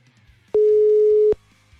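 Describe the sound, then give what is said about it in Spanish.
A single steady telephone line tone while a number is dialed, a low pure hum lasting under a second, starting and stopping abruptly with soft clicks, over faint background noise. “A ver, le voy a marcar a ver si me dice.”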